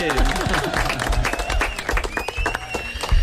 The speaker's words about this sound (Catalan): Ja, quan tornem a xerrar, molt bé, fort aplaudiment.